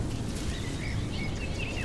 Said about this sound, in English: Some birds are offering their songs, returning to the marshes of Crossness after long journeys from far-off lands to seek what they anticipate as familiar.